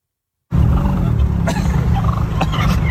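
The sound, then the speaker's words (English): Three wild turkeys harassing a man in an urban or suburban area in Canada gobble loudly and continuously for a few seconds after a brief silence, their rapid warbling calls layered over a dense, low rumbling background. “So I see a couple of turkeys.”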